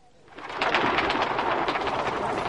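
A huge flock of pigeons, said to number a hundred thousand or a million, bursts into flight in a square at the striking of a clock bell, a dense, loud whirring flutter of countless wings that swells after a quiet start and keeps rushing steadily, with no voices.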